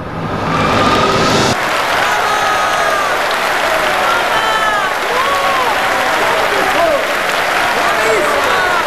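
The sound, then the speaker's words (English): A large theater audience on its feet in a standing ovation claps loudly and steadily in a dense, sustained wash of applause, with scattered cheers and whoops rising over the clapping throughout. “Bennett reluctantly joins the standing ovation.”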